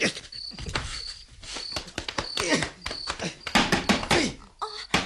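A door is banged and kicked in a rapid, irregular run of loud thuds and rattling knocks, while a thin, steady insect chirp and faint muffled voices carry on underneath.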